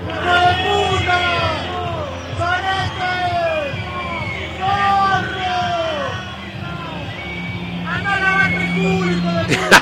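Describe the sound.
A large stadium crowd roars and cheers as it reacts to the close of a drone display, many voices rising and falling together in repeated swelling whoops and yells, loud and continuous over a steady rumble of hubbub.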